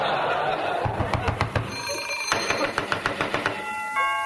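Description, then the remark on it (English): A doorbell rings in a rapid, metallic trill of quick repeated strikes, briefly pausing and then ringing again, fairly loud and bright, ending on a sustained tone. “Costello, is that somebody at the door?”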